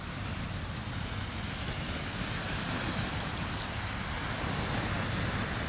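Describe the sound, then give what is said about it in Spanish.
A steady, dense wash of sea waves fills the whole stretch, a continuous hissing roar with no clear breaks between swells and no voices over it. “Me temo que Madrid, como isla, como que no es, como que mar no tiene, así que la saludamos con un poquito de mar y vamos a ver si nos damos una vuelta por alguna isla real o imaginaria, a ver qué nos cuenta.”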